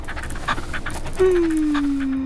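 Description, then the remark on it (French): A small brown dog with big blue eyes pants in quick, rhythmic breaths, then lets out a long, steady whine that slowly drops in pitch. “Un petit chien marron avec de grands yeux bleus.”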